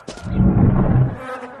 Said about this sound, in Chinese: 什么味儿啊这、哎、这么多苍蝇蚊子